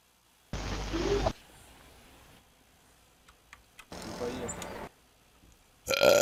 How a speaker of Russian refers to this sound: Ебать, я рыганул, сука.